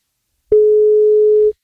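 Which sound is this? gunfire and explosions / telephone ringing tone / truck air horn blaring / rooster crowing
telephone ringing tone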